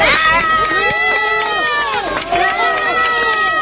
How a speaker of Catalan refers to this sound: Són els aplaudiments per a l'últim rescatat.